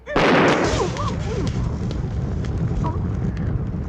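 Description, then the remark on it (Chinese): A thrown bomb pellet, a newly invented hidden weapon called the Thunderbolt Pearl, explodes in a sudden loud blast at the start. A sustained roar of crackling debris-like noise carries on, with faint cries or whistling tones mixed into the din. “这些不是红豆哎，这是我新发明的暗器——霹雳雷珠。 霹什么力？什么雷？ 你不要小看它哟，它爆炸起来啊，威力无穷。”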